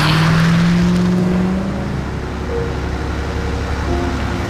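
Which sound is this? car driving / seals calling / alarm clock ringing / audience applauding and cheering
car driving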